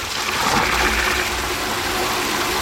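Water from a tap on a wood-clad filling pillar at a cemetery pours steadily into the water tank of Gießbert, a self-driving grave-watering vehicle, a continuous loud gushing splash with a hollow, slightly rising fill tone, with no voices.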